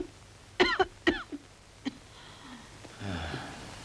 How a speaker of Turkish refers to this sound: Peki, şimdi sıkıca öksürün.